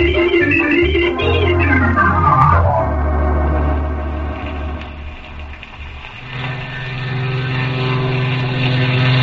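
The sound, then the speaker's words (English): A propeller airplane drones loudly overhead at an airport in the rain, its engine pitch sweeping downward as it passes, then a steady engine roar lingers and swells again, with no voices. “Oh, I wonder if that was Uncle Harvey's plane.”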